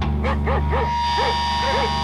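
A dog barks five times in short, sharp yaps, three in quick succession, then two more after brief pauses, over a steady low background hum.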